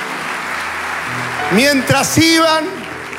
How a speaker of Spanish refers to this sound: Mientras iban, dale ese aplauso, fueron limpiados.